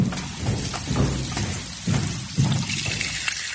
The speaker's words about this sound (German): Schon zum zweiten Male, wie das Becken schwillt, wie sich jede Schale voll mit Wasser füllt.